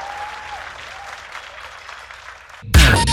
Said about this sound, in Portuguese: palmas para vocês. Lindo, lindo, lindo.